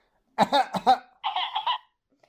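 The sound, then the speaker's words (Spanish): Three quick coughing bursts in a row, followed by a longer, raspy, throaty sound before silence; no talking. “¿estáis con mi garganta tosiendo?”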